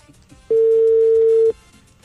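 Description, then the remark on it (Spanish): One loud, steady ringback tone sounds on a phone line for about a second as an outgoing call goes unanswered, a flat hum that starts and stops abruptly, with faint background noise before and after. “Marcándole, marcándole. Es que qué pereza que no conteste, me da como una rabia.”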